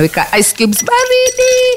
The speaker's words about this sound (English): Unaweka asali yako pale, unakoroga, and then let that sit for like one day.